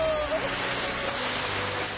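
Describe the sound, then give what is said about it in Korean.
A loud, steady rush of ocean surf fills the whole stretch, a continuous churning wash of water with no clear breaks between waves. “파도도 엄청 많이 쳤다고요.”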